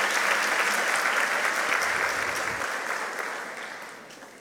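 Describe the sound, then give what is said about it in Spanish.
An audience claps to welcome and congratulate a woman called to the stage for a recognition, a dense, continuous wash of applause that holds strong and then slowly tapers off toward the end, with no talking over it. “Fuertes los aplausos para ella.”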